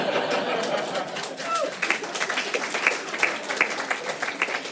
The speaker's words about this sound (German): Und mittlerweile denke ich, die Ficker sollen einfach die Schnauze halten und klatschen.